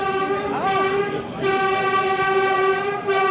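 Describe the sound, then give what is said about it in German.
A new S15 S-Bahn commuter train in Berlin, linking the northern S-Bahn ring with Berlin Hauptbahnhof, runs on its rails with a steady, loud electric motor whine that holds a layered tone throughout, shifting slightly in pitch, with low rumble underneath. “Die neue S15, sie fährt, verbindet ab heute den nördlichen S-Bahnring mit dem Berliner Hauptbahnhof.”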